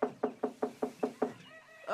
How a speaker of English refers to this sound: The children soon found out which house was Gogo Mkhize's. When they arrived, they knocked on the door.